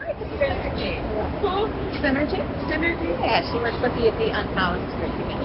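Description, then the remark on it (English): Dense crowd bustle fills a historic train and bus station near the U.S. Capitol, under vaulted gold-leaf ceilings, as travelers shuffle across a white granite floor toward trains and buses, with overlapping indistinct voices and a steady low rumble of movement, moderately loud and continuous throughout. “Under vaulted ceilings decorated with gold leaf, travelers bustle towards trains and buses. Locals and out-of-towners shuffle across the white granite floor.”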